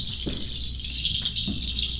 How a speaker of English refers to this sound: The voice of birds.